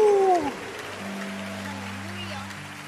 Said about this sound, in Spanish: Clap your hand for Jesus. Dale aplauso a Jesús.